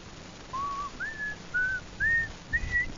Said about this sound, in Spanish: Ni el silbido te sale, compadre.